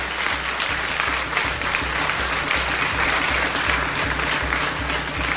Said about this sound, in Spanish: Por lo pronto, fíjense que hoy estamos celebrando los santorales de Bulmaro y Margarita. ¡Aplausos!